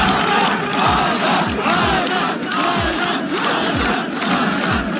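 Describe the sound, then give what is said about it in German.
A large crowd of spectators chants a runner's name together in chorus as he reaches the finish of a 600-kilometre run through Death Valley, loud and continuous, with a steady rhythmic pulse roughly every second running beneath the dense wall of voices. “Und alle Zuschauer haben seinen Namen im Chor gerufen.”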